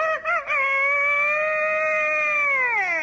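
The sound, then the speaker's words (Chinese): A person vocally imitates a rooster's crow: a few short choppy notes, then one long, loud, sustained call that bends downward at the end. It is offered as an imitation of a dragon's call, but it is a chicken call. “你学的这是龙啊。 这是鸡。”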